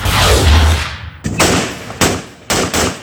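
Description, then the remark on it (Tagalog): A loud burst of gunfire from four armed men firing various weapons into the air in Arayat, Pampanga, Philippines, on a Saturday night opens with a long echoing roar, followed by three sharp successive gunshots spaced about half a second apart, each ringing out with reverberation. “Umalingaw-ngaw ang sunod-sunod na putok ng baril mula sa apat na armadong lalaki sa Arayat, Pampanga noong Sabado ng gabi.”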